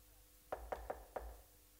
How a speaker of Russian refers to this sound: Юлия Севичева постучалась в дверь к Сбышка.